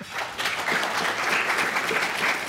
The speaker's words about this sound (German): Eine kurze Frage ins Publikum, auch wenn Sie sich zum Teil Luft zufächern, bräuchte ich einen Applaus, damit man es auch im Radio mitbekommt.